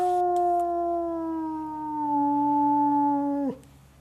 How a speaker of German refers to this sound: Das sind die Wölfe. 15 Uhr ist Fütterung.